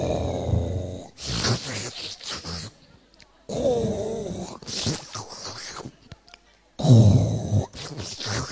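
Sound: imitated snoring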